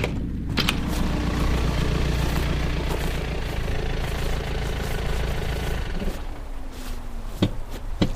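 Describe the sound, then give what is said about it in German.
A car arrives, its engine rumbling steadily, idling with a low mechanical drone, then cuts off around six seconds, followed by a few sharp clunks like a door or handle. “Da kommt ein Wagen.”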